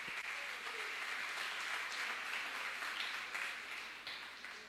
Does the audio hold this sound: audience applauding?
yes